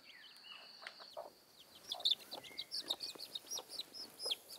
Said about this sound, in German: Au, du blöde Henne, du. Nicht so einfach, einen Huhn auszutricksen. Ist auch richtig hartnäckig.